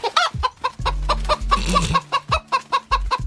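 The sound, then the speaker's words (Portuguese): A hen, Gilda the 'psychic hen' of the show Redação Paradiso, clucks repeatedly in quick, choppy bursts, fairly loud, over a steady low hum in the background. “Só aqui no Redação Paradiso, a galinha mais simpática, mais extrovertida, ela dá um banho em qualquer papagaio.”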